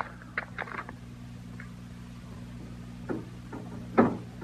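A door rattles in its frame with a few irregular knocking jolts, the loudest near the end, as someone works it rather than the wind, over a steady low hum.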